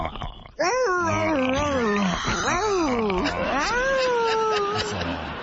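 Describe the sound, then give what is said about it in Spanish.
A person imitates a dog yelping in pain: loud, drawn-out whimpering cries that rise and fall in pitch, running almost continuously after a brief quiet start. “antes te quiero morder el cuello y le haces así como perro, como que te duele, ¿ok?”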